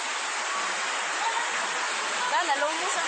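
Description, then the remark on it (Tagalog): A steady, loud roar of rushing water playing in a video fills the whole stretch without a break, with faint voices briefly surfacing beneath it near the end. “Sus grabe taasa sa kuan, uy. Tubig, uy.”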